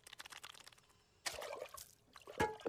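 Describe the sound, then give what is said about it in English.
Water pours and splashes into a container in a bright burst, followed by brief sloshing and a sharp liquid gulp or clink near the end, with no talking. “I'm thirsty. Drink water.”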